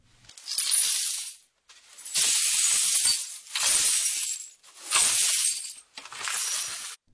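Broken glass from a glass cup being swept up with a broom and dustpan: five steady scraping strokes in a row, each full of bright clinks and rattles of shards, with no talking.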